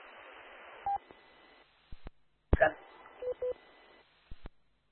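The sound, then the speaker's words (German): Short electronic beep tones from a radio repeater, a few clipped pips amid bursts of hiss and brief radio chatter, sounding narrow and band-limited like a transceiver speaker; the beep signals that a station has dropped off the repeater. “Ja, du kommst kurz, das war kurz hin, und dann kommt der Piepton vom Relaise.”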